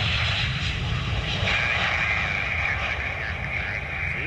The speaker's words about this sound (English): Holy tail strike. There you go. Yeah, I think I saw that video. It was a cargo plane from like India or someplace.